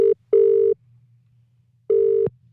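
Telephone ringback tone on an outgoing call from radio station Coast FM 963 to this week's competition winner: a steady electronic tone repeats in short bursts separated by silence, clear and fairly loud, with a faint low hum underneath and no talking.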